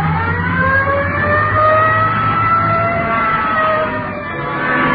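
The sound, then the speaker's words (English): A police car accelerates with a steady, loud engine roar, responding Code 3 to a 211 shooting at the corner of Hill and Geneva Alley near Aiken Hill, its siren wailing in a long, slowly rising tone over the rumble for several seconds. No one speaks. “Hit the light. Yeah, come on. Let's roll.”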